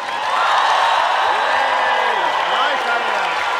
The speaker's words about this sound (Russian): Вам аплодисменты от вас самих же. Если это возможно, сделаем громко.